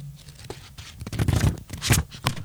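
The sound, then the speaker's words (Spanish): Paper pages of the book La mirada cinéfila being flipped, a series of quick rustling swishes and crisp flutters in irregular bursts, with no talking over them. “el hermoso libro La mirada cinéfila, que acá lo tengo, lo toco, hago efectos de sonido, a ver.”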